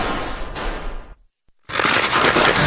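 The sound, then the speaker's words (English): Loud fireworks crackle and pop in dense rapid bursts, cut by a brief silence midway, then another intense volley of snapping explosions. No one speaks. “Celebrate 250 years of America with Mad Fireworks.”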